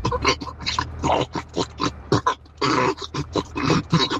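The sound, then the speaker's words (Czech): A person imitates pigs on a home farm grunting and snorting as feed is poured into their trough, a rapid run of short, rough, nasal grunts with brief pauses, like a hungry herd jostling at feeding time. “My jsme měli doma hospodářství a já musel krmit prasátka. A tohle, když jsem jim vysypal do korítka, tak tohle se pak ozejvalo.”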